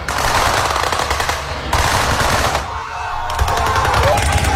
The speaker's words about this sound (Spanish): se trata de una recreación de la batalla del paso de Lushan